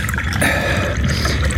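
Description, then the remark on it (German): A steady stream of tea being poured into a cup for a guest runs for a second or two with a soft, continuous trickling hiss and no voices. “Gießen Sie unserem Gast doch bitte Tee ein.”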